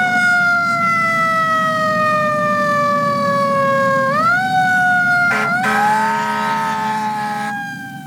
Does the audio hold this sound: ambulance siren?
yes